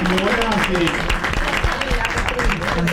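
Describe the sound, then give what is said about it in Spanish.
A studio audience applauding for the notary, Bonassi, at the grand final of a TV game show: a dense, steady wash of clapping that holds loud for about three seconds while a man's voice talks over it. “La escribana, el aplauso para Bonassi, chicos, la escribana.”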